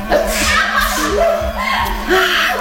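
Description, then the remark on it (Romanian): A voice imitates a fox sneezing after flour from a frying pan is thrown into its snout: several quick, breathy sneeze-like bursts with squeaky, rising vocal sounds between them, fairly loud, over a steady low background hum. “Trânti în botul vulpoiului toată făina pe care o avea în tigaie și acesta a orbit, început să strănute.”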